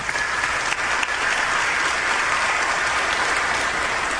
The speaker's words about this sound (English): Amen. We can clap for that.